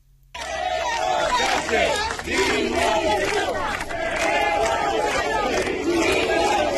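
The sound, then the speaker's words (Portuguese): A large protest crowd chants and shouts insults together, loud, with many voices rising and falling in unison for several seconds without a break, at a rally outside the town hall of O Barco, shouting insults at Prime Minister Pedro Sánchez. “Os socialistas consideran inadmisible a actitude de …, a quen se ve en un vídeo difundido por un medio de comunicación aplaudindo, coreando e participando na concentración na que se berrou Pedro Sánchez, hijo de puta.”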